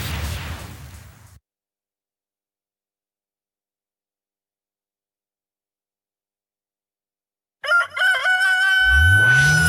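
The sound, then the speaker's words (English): A brief burst of noisy sound, a long silence, then a rooster crows loudly, its strained, harmonic call ringing out over a low rumble at the end. “Kokoroko don't crow.”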